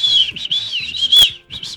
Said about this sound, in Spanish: Un silbato en caso de pedir silbato. Ayuda. ¿Sí ven? Un silbato.